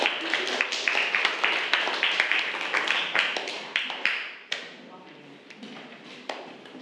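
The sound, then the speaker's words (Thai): A small group claps in a brisk burst for about four seconds, then the applause thins to a few scattered claps, moderately loud. The audience is applauding the representative presenting for group 3. “ก็คือเป็นตัวแทนของกลุ่มที่3นั่นเองค่ะขอเสียงปรบมือให้กับตัวแทนนำเสนอด้วยค่ะ”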